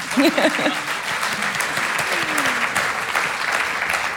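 An audience claps steadily for the band Alpski kvintet, which is marking 60 years: a dense, even patter of many hands. A brief voice or cheer rises near the start.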